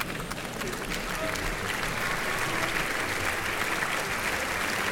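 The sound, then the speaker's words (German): Steady, sustained applause from a large opera audience for conductor Maxime Pascal as he makes his way to the podium at the orchestra pit, a dense wash of many hands clapping at an even loudness for the whole stretch, with no voices standing out. “Ja, und dieser Applaus gilt nun wieder dem Dirigenten des heutigen Abends, Maxime Pascal, der hier seinen Weg zu seinem Platz am Pult hier am Orchestergraben findet.”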